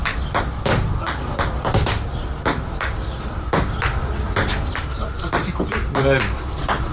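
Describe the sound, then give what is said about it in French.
Doors open and shut again and again in a building of stairs, corridors and doors hosting workshops, a busy run of clunks, latches and thuds, with indistinct voices murmuring in the background. “Chaque année, ce sont des ateliers, 4 ateliers dans 4 salles, dans un lieu fait d'escaliers, de couloirs, de portes.”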